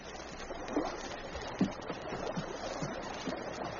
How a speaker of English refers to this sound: Suddenly, he caught the sound of voices, heard the rhythmic splash of paddles striking water. All sounds came from over the water, and he paused to listen